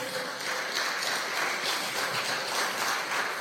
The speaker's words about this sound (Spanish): Dele gloria a Dios, dele aplauso a nuestro Padre.